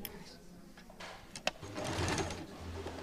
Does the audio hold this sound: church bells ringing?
no